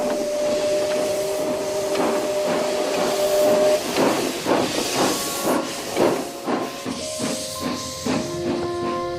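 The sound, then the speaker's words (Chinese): A small narrow-gauge steam train with 6-decimetre gauge, running at only 10 km/h on a 177-kilometre railway carrying tin ore, hisses loudly and steadily, with sustained whistle-like tones and a quickening series of puffing chuffs building up, no voices present. “一条窄窄的铁路，一辆时速仅为10公里的小火车，当时带给人们的惊喜实在是太多了。”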